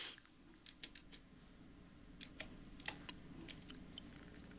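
Quiet typing on a computer keyboard while searching for a piece of music by Camille Saint-Saëns: irregular bursts of sharp key clicks, a few quick strokes at a time with short pauses between, over a low hum and no talking.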